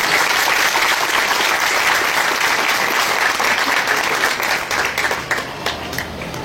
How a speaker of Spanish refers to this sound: Aplaudele, Señor, en esta noche.